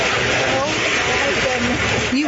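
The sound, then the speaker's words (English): A husky rolls around in a kiddie pool full of ice in Arizona during triple-digit temperatures, with steady rustling, sloshing noise and a few wavering, whining dog vocalizations that rise at the end. “It's a husky dog rolling in a kiddie pool filled with ice in Arizona during triple-digit temperatures.”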